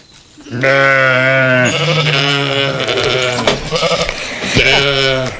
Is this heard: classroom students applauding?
no